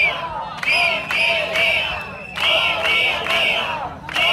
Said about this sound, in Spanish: Es el sonido de la protesta que está teniendo lugar allí en la puerta de la consellería.